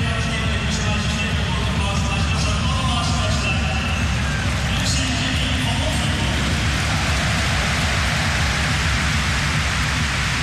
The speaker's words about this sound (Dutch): Erkennen ze hier in Eindhoven ook. Applaus voor de wissel van Twente. Voor de entree van Wolfswinkel.